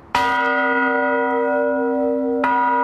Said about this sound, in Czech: Ale problém je v tom, že ty zvony nejsou dělaný stejně a nemají dobrý souzvuk. Ale není automatika, musí se zvonit ručně. Při jakých příležitostech se zvoní? Předvší, vždycky v neděli před 10. hodinou.